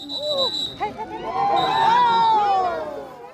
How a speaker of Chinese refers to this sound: 经过约3小时的长途跋涉，车手们终于在现场群众热烈的加油欢呼声中陆续冲过终点线。